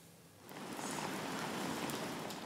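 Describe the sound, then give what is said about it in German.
Steady outdoor rain in Bremen's city centre hisses across the whole recording, swelling in after a quieter first half-second into a dense, even patter of drops on hard surfaces, moderately loud and continuous with no voices. “Wirklich ein Sauwetter. Das macht doch keinen Spaß, jetzt draußen zu sein.”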